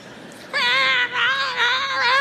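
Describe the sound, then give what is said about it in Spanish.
A baby lets out a loud, high-pitched crying scream that starts abruptly after a brief quiet moment and holds as one sustained, wavering wail. “Gritaba uno y el otro y se endemoniaba otro y el otro y el otro.”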